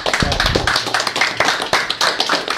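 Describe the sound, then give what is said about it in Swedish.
An audience claps steadily, many hands striking in a dense, crackling wash of applause that holds at an even level throughout, with no voices on top. “De ska ha sin applåd.”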